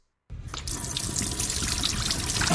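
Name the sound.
water running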